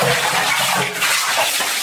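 Water splashes and pours steadily and loudly, a dense rushing wash of someone bathing, with no speech.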